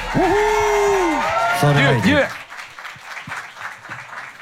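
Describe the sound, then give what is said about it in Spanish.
A bar crowd at the Royal Guard Bar applauds and cheers for the musicians at a Conciertos Petit live show on radio 101.7, with loud whoops and whistles rising over steady clapping at first, then the noise settles into softer scattered claps and murmuring. “Aplauso, cabrón, para los muchachos.”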